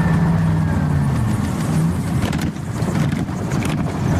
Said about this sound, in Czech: Přeměna z vozidla na letoun trvá asi 3 minuty. A jsme ve vzduchu, letíme 160 a na plnou 70-litrovou nádrž můžeme letět až 6 hodin.